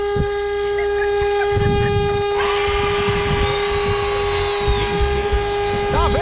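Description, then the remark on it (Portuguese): A car horn, honked to test it, blares in one long, steady tone that holds for several seconds over rumbling traffic noise, loud, with murmured voices in the background. “Não tô dirigindo, não, mas vê se essa buzina funciona.”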